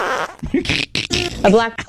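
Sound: wet fart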